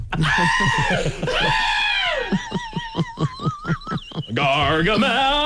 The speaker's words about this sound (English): Jeez, those screams are getting loud.